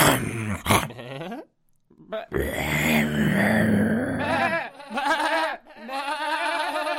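A voice imitates a wolf growling: several loud, drawn-out snarling growls with rising and falling pitch, separated by a brief pause, with no clear words spoken.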